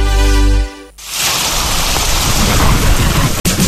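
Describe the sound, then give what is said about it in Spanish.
Heavy rain pours down in a loud, steady wash with a low thunderous rumble underneath, starting right after a brief deep droning tone; no one speaks. “Cuando llueve fuerte y se inunda las calles, nunca abras las tapas del alcantarillado para evacuar las aguas lluvia, ya que no está diseñado para recibirlas,”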